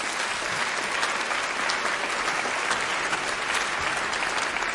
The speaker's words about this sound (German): Applaus